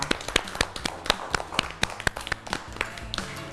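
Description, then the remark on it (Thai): A small group of children clap for themselves after correctly finishing an educational game ordering pictures from small to large. The claps come in a quick, uneven burst of overlapping claps that keeps going steadily, moderately loud, with no talking. “เด็กๆนะคะเล่นเกมเรียงลำดับเล็กใหญ่ได้ถูกต้องทั้งหมดเลยค่ะเก่งมากครับปรบมือให้ตัวเองด้วยค่ะ”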